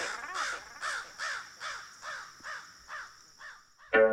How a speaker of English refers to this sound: Rabe.